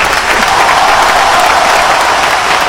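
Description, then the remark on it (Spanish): An applause sound effect played on a radio broadcast: steady, dense applause fills the whole stretch, a continuous wash of many hands clapping at an even, fairly loud level with no voices on top. “Ponen en la ovación.”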